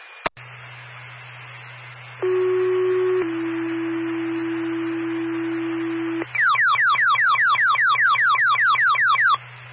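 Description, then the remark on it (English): Fire dispatch paging tones alerting the West Windsor fire department to a smoke detector and fire alarm activation: a short higher tone steps down to a long, steady lower tone, then a rapid series of repeating sweeping chirps, all loud and clear over a faint low hum. “was your fire sent by tone?”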